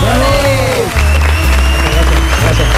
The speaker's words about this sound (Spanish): pero como siempre os doy las gracias y os pido por favor un aplauso enorme para